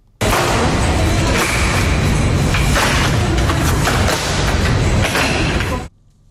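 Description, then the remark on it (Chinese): A folding chair from Yiwu, China, about the size of an ordinary camping chair, collapses down to the size of a large rectangular tote bag with a handful of sharp clicks and clacks, scattered over several seconds against a steady loud hiss of handling noise and rustling. No one speaks. “这个音频呢只有几声咔咔咔咔，一把和普通露营椅差不多大的椅子呢就瞬间变成了大号长方形手提袋的大小，可以直接用单手拎着走。”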